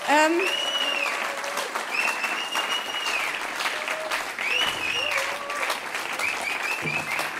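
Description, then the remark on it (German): Sustained applause from a crowd welcoming a musician onto the stage at a 50th anniversary Badentreffen event, steady and fairly loud throughout, with scattered whistles and cheers rising above the clapping. “Bitte begrüßen Sie ihn mit einem Applaus.”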